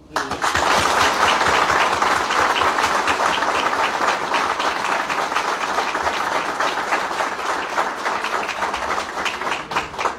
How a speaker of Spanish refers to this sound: Y antes de terminar el discurso, pido un enorme aplauso por ese motivo.